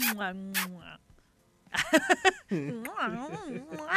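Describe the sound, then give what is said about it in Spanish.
A voice imitates a passionate kiss: wet smacking clicks mixed with drawn-out, wavering hums and moans, then a brief pause and a more frantic burst of smacks and swooping moans. “¿Y cómo sería un beso así? Oh, pero más apasionado.”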